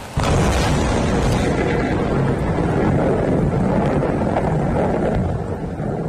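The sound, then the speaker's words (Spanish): A deep, sustained rumble of thunder from a thunderstorm over the Peñas de Riglos in Aragón rolls on without a break, a heavy low roar with wind-like noise over it, easing off slightly in the last second. “Como si fuera una coreografía de la naturaleza, las tormentas han dejado en las últimas horas esa furia particular que tienen contra el fuego de las peñas de Riglos.”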